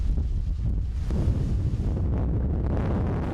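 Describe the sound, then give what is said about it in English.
Strong wind reaching force 11 during wildfires roars and buffets against the microphone, a heavy low rumble that surges and eases in gusts throughout, with no voices. “And with winds hitting force 11, tackling the flames has become terrifyingly dangerous.”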